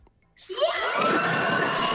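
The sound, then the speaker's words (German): A live audience erupts into loud, sustained screaming after a brief quiet moment, shouting as loud as they can to cheer on three contestants, many voices blending into a dense, shrill roar that holds at full intensity. “Schreit nochmal so laut ihr könnt.”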